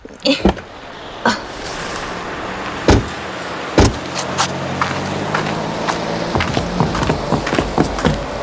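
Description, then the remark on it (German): A car door clicks open with a sharp latch sound after the car has parked in front of a music shop, followed by several more thumps and clunks over a steady low engine hum, with faint rattles and shuffling movement. “Die Tür.”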